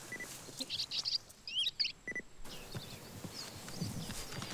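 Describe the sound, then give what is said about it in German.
Short, high, metallic pinging contact calls of bearded reedlings played from a small loudspeaker to lure the birds, repeated in quick clusters over the first half, then fading into a steady, noisy outdoor background. “Dies hier ist ein Kontaktruf. Damit bleiben sie zusammen, denn sie bewegen sich in Gruppen.”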